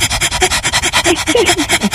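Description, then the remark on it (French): A person imitates a dog panting when hot with its tongue hanging out, with quick, steady, breathy huffs repeating about eight times a second. The panting is fairly loud, with no talking over it. “La langue il reste coincée dehors, comment? Hein? Pareil, un chien quand on a chaud.”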